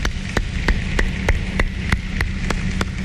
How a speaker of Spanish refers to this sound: Ese es el equipo República Dominicana. Un aplauso para el equipo República Dominicana.